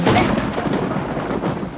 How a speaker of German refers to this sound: Es hat geregnet an dem Abend.